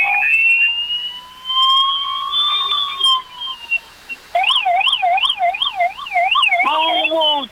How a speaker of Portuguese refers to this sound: Suarda sirene da viatura azul do Corpo de Bombeiros, aqui direto agora do quartel do Corpo de Bombeiros do município de Orleans